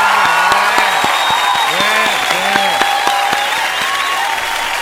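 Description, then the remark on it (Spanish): An applause sound effect: steady applause from a crowd, dense and continuous clapping that fills the whole stretch at a loud, even level, with faint cheering mixed into the wash of hands. “Este es una noticia, no la aplauso.”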